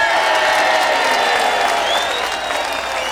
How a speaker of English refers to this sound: How about a round of applause